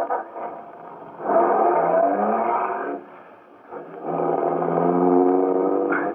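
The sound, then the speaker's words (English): The engine of an official MVD limousine is started and idles, then roars up in two strong surges of acceleration with a short easing off between them, loud, as the vehicle pulls away. No one speaks. “I got in quickly and stepped on the starter.”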